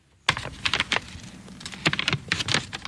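Stiff, crackly paper rustles as a bookbinder and restorer in Braunschweig carefully turns the pages of a book several hundred years old, in a series of irregular crisp bursts with no voices.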